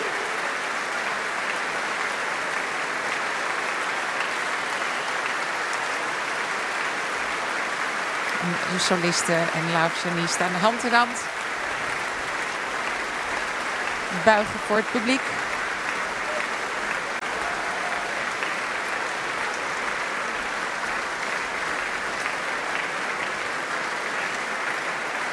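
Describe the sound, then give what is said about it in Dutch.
Sustained applause from a nearly sold-out audience in the large hall of De Doelen in Rotterdam, for the Rotterdam Philharmonic Orchestra as Lahav Shani returns to the stage, fills the whole stretch, a dense even clatter of clapping, while a man speaks over it in a low voice. “Ja, groot applaus dus voor het Rotterdams Philharmonisch Orkest.”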